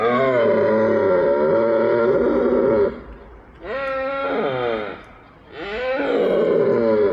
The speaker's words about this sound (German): befinden sich die Hirsche gerade in der Brunftzeit, was weithin akustisch zu vernehmen ist.